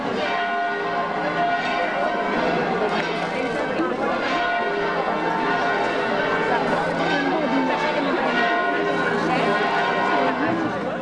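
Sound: church bells ringing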